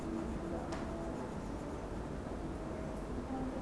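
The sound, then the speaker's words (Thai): A crayon rubs steadily across paper as red is coloured into a shape on a page, a soft, continuous scratchy texture, quiet, with a faint background hum and no pauses. “เด็กๆค่อยๆระบายไปเลยเวลาระบายสีให้เด็กๆจับกระดาษด้วยนะคะ”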